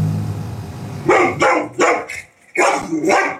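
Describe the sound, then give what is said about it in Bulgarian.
A large domestic dog, a Cane Corso, barks loudly in a quick series of deep, rough barks after a second of low background rumble, ending in a longer drawn-out bark. “През днешния ден разбрахме, че въпросното куче, домашно порода Кане Корсо, е имало и предишен инцидент, при който е нахапало дете.”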